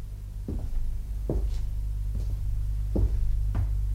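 A door opens on its own with a series of short creaks and knocking thuds, spaced irregularly over a steady low hum.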